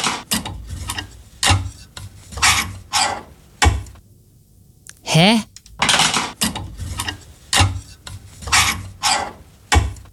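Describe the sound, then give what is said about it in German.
A metal clothes hanger scrapes back and forth along a wardrobe rail in a series of rasping slides, with a short pause and a brief spoken interjection in the middle. “Ach, ziehst du den Bügel hin und her?”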